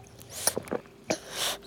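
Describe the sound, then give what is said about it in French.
A few quick, wet sucking and slurping noises, like a baby drinking from a bottle, followed by a soft breathy hiss; quiet and with no talking. “Le bébé doudou boit.”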